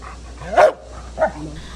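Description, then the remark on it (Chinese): A black Labrador search-and-rescue dog named Zixie, 10 years old, from Beijing's Tansuo Emergency Rescue Promotion Center, barks twice in quick succession, a loud sharp bark then a shorter, softer one, with no talking. It is alerting in front of a collapsed mass amid rubble at a landslide site in Pengshui, Chongqing, on July 18. “7月18号上午10:40，重庆彭水山体崩塌灾害现场，一只黑色的拉布拉多搜救犬跃进满是巨石、砖块、钢筋的废墟，仔细搜寻后停在一处塌方体前吠叫示警，这意味着它发现了废墟之下可能存在生命迹象。”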